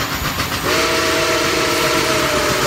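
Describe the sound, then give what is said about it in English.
A loud, sustained steam train whistle blows steadily after a brief moment of rumbling, continuous over the hiss and clatter of the moving train. “But before then, we're going to see the Weekend Training with that whistle. Here it is, coming straight into live streams.”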